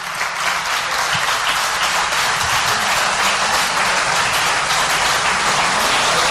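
Sustained audience applause welcoming a guest: dense, steady clapping from many hands forming a loud, even wash of sound that holds for several seconds without talking.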